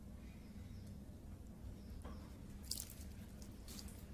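A man pours water onto a plant, heard as a few short splashy trickles and drips over a steady low hum, with no voices.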